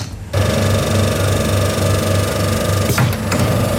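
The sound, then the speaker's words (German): A coin-operated soft-serve ice cream vending machine in Schmallenberg-Niedersorpe kicks on and runs with a steady, loud mechanical whir and low motor hum, continuing without pause and with no voices. “So, ein frisches Softeis habe ich mir gerade hier geholt in Schmallenberg-Niedersorpe.”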